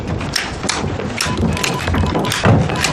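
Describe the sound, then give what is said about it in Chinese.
Abacus beads clack rapidly and steadily as a chief of staff works out calculations, a dense stream of irregular wooden clicks, fairly loud, with no voices over them. “哈哈，隔着门就听见你算盘珠子的声音了，比过年的鞭炮还响呢。”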